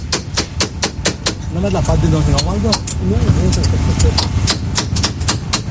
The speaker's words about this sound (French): On est en train de bien dévisser les amortisseurs, si je dis pas de bêtises, les ressorts d'amortisseurs.